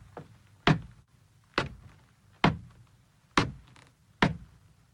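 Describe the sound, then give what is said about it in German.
Five heavy wooden thuds land at a steady walking pace, like footsteps on the creaking steps of a steep wooden staircase as people and a dog climb one after another, each with a short hollow ring-out over a low background rumble; no one speaks. “Vorsichtig steigen sie nacheinander hinein. Das Licht flackert. Der Hund läuft voraus. Die Stufen knarren.”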